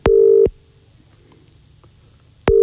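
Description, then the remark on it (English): An outgoing phone call's ringing tone while calling a man to see if he is awake: a steady electronic tone sounds for about half a second, pauses for two seconds, then sounds again, clear and fairly loud with no voices. “He's probably not going to answer his phone, but it'd be good if he did.”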